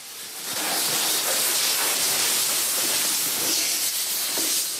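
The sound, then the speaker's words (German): Steady, loud hiss of spraying water or foam, with faint scrubbing and clattering underneath, continuous for several seconds as a team of four men with buckets, canisters, brushes and hoses repeatedly foams, scrubs and rinses a train to remove graffiti; no one speaks. “Sie schäumen den Zug jetzt ein, schrubben, spülen ihn wieder ab und das mehrfach.”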